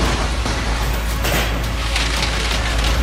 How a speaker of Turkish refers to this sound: Gökten taş gibi dolu yağdı. Her bir dolunun büyüklüğü tenis topu kadardı. En çok hasarı araçlar aldı. Camları kırıldı, kaportaları çöktü, evlerin çatıları da delik deşik oldu.